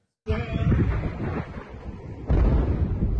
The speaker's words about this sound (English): An intense wave of US strikes hitting a wide range of targets across Iran. East of the country, multiple explosions in Chabahar.